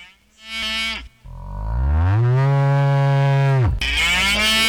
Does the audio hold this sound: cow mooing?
yes